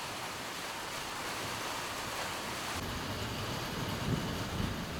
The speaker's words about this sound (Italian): Il cielo è diventato grigio, un temporale in arrivo. Nel giardino dell'ashram le foglie sono lucide, mosse dal vento.